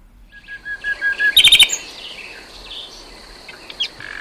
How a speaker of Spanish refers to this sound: Esto es un ruiseñor común, en plena expansión nocturna, los ruiseñores cantan de noche. Nada común, su canto, y maravilloso.